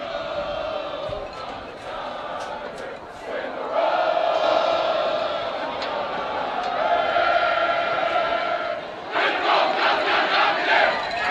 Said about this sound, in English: You can hear the celebration going on below us.